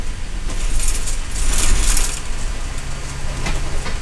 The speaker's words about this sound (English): The bus pulls up to the Three Warriors Market in Simnasho, one of the scheduled stops. It's an intersection in a remote corner of the reservation.